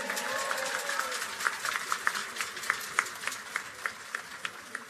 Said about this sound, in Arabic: تصفيقة حارة على محمد بوسلامة.